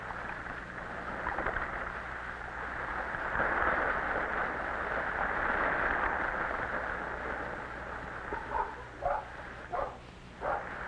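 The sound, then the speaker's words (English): A dog lets out several short, sharp barks in quick succession toward the end, cutting through a steady rushing wash of sea waves and wind noise that fills the whole recording. “The puppies dance in excitement.”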